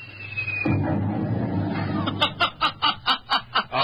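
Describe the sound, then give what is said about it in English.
A small noisemaker gadget thrown into a wastebasket goes off: a thin falling whistle, then a sudden loud rumbling burst, followed by a run of about eight quick, rhythmic cackling pulses. “All right, what was that thing you just threw in a wastebasket? Just a little noisemaker.”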